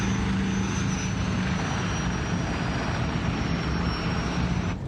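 A steady, loud airplane engine drone heard aboard a plane in flight, a constant low hum with broad roaring noise, continuous and unchanging throughout with no voices.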